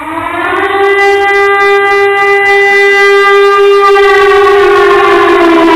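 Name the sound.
air raid warning siren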